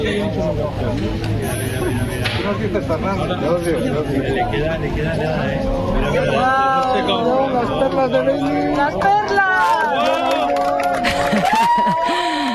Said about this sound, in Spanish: Este era el momento. Así hemos despedido la totalidad en el Observatorio de Yeves entre aplausos, lágrimas y abrazos.